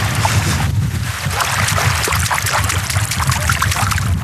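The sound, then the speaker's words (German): Continuous splashing and sloshing of water, fairly loud, with churning low rumble and scattered bright splashes, as someone wades into a lake from its shore. No voices. “So, ich bin wieder aus dem Wasser raus.”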